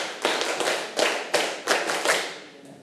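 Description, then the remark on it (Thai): A group of children in a class clap their hands together ten times in a quick, steady series of claps, the sound slightly ragged as the hands don't quite land in unison. No one speaks. “อ่ะถ้าใครพร้อมที่จะทำกิจกรรมแล้วปรบมือ5ครั้งปรบมือ10ครั้ง”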